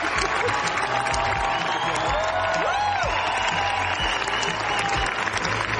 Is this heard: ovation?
yes